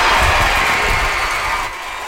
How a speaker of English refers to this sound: A sold-out crowd of more than 3,000 fans cheered on the Portland Cascade as the team defeated the Oklahoma City Spark 3-0.